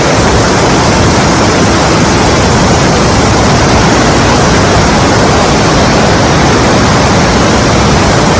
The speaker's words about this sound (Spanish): hay algo que quien ha estado ahí no olvida nunca, es su famosa cascada, que brota desde una cueva en la roca, especialmente durante el reventón, que llaman, cuando el agua surge con una fuerza descomunal tras lluvias abundantes como la de este año.